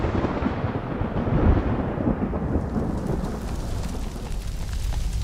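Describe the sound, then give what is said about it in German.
A tropical thunderstorm breaking in the dry season: a deep, heavy rumble of thunder rolls through steady, hissing rain, the low boom swelling early and then easing into a continuous downpour. “Wenn sich in der Trockenzeit tropische Gewitter entladen, kommt es schnell zu verheerenden Bränden.”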